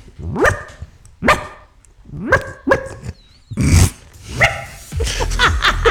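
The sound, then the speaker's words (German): A person on a radio show imitates a small yapping dog, letting out a series of sharp, high yaps and short barks in irregular bursts, fairly loud, with a brief growly edge toward the end. “Oh Gott, dass das mal vorkommt, dass ich im Radio einen Hund nachmache.”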